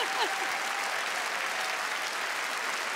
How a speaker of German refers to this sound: Was für ein fantastischer Abend und was für ein Publikum. Unfassbar. Macht euch einen Applaus. Vielen Dank.